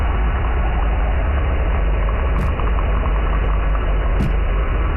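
A steady, dense ship or boat engine drone recorded underwater rumbles continuously, heavy in the low end, with two brief sharp clicks breaking through near the end.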